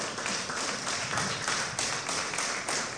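An audience applauding together in praise of God as King of Kings and Lord of Lords, a dense, steady wash of many hands clapping at once that holds fairly loud throughout with no speech over it.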